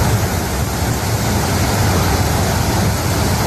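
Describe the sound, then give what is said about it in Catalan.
A flash flood torrent rushes down the Riera de Pineda de Mar stream bed in Catalonia during heavy rain, the water strong enough to sweep away cars; a loud, steady roar of churning water fills the whole clip without pause. It sounds powerful, and no voices can be heard. “l'aigua baixava amb tanta força que es van dur cotxes i va convertir carrers sencers en autèntics rius”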